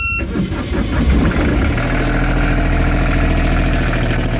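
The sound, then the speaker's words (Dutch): The old diesel engine of a wooden fishing boat cranks and catches, then settles into a loud, steady, low chugging idle, with no voices present. “Want de oude dieselmotor is vervangen door een elektrische motor.”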